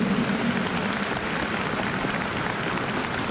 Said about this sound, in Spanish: Un aplauso fuerte a San Juan Pablo II, que le llega al cielo.